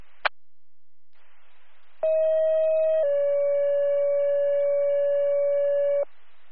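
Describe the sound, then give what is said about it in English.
A Donsville EMS dispatch pager sounds its second tones, calling an EMT to respond with an ambulance to an 88-year-old female with difficulty breathing. Two sustained electronic tones play, a short higher one and then a longer, slightly lower one, loud and steady after a brief click and faint radio hiss. “Donsville EMS, second tones, need the EMT to respond to the scene with an ambulance.”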